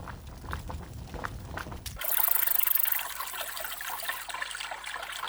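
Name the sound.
flowing river water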